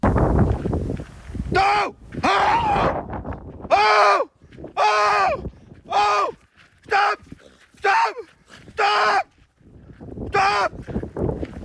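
A man out running in Bonken Klitplantage, North Jutland, Denmark, yells loudly again and again while waving his arms to drive off a wolf that showed its teeth a few metres away: roughly nine short, harsh, forceful shouts in an uneven rhythm, with brief quiet gaps between them.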